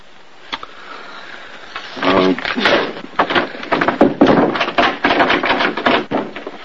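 A wooden door is shoved hard again and again, giving close, irregular thuds and rattles that keep coming for several seconds after a brief quiet start.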